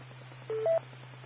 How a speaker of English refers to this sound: So I got a phone call coming in, so I gotta answer that there